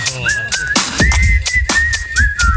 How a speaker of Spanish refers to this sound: Music Power, ey, silbar un poco.